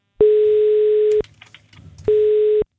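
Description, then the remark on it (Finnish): Two long electronic ringback tones, each about a second, separated by a short pause, heard clearly as an outgoing phone call to a contest winner rings on the line. “Nyt on aika soittaa yhdelle voittajalle.”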